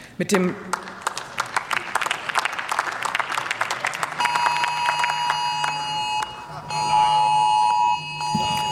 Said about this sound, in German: Wir machen unsere Handys aus. So, Sie haben es gehört, der bundesweite Alarmwarntag, der betrifft auch hier die Abgeordneten natürlich im Deutschen Bundestag.